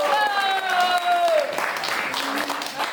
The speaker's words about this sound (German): Applaus!